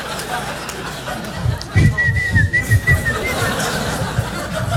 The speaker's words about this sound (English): What happened to the whistler? Did they fucking... Is he like, no, I gotta whistle, dude. I gotta go somewhere and whistle right now. I haven't whistled in like 10 minutes. It's killing me.